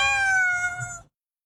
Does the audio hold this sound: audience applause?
no